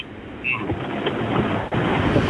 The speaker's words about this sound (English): It sounds like it's pouring. Yeah, I'm just driving home from work. I'm in West Auckland right now. Very wet, eh? Yeah, it's just started getting pretty bad on the maybe an hour ago.